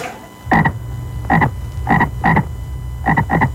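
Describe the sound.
A toad croaks about six times, short raspy calls arriving in uneven pairs and singles, loud over a low steady background rumble, with no voices.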